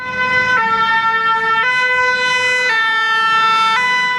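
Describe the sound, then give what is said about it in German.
A two-tone fire engine siren alternates steadily between a higher and lower pitch, loud, with a faint rumble of road traffic beneath it and no voices, as a fire engine drives through the evacuated village of Marche-Prime, about 20 kilometres from Bordeaux, beside a wildfire area. “Ein Feuerwehrzug fährt durch das verlassene Örtchen Marche-Prime, rund 20 Kilometer vor Bordeaux.”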